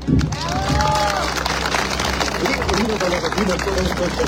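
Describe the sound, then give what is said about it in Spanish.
An audience in the Gregorio Albarracín district applauds to thank Peruvian National Police general Helder Luna Velarde, head of the Tacna police region, for his words, with a dense, steady wash of clapping that lasts the whole few seconds, while voices speak and murmur over it. “Con sus aplausos agradecemos las palabras del general Policía Nacional del Perú, Helder Luna Velarde, jefe de la región policial Tacna.”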